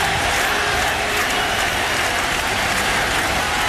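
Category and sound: crowd, stadium crowd ovation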